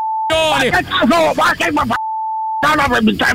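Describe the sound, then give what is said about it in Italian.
A steady, mid-pitched telephone busy tone after a phone is hung up sounds briefly at the start and again for about half a second later, with loud, animated talking filling the gaps between the tones. “Adesso ho fatto giù il telefono!”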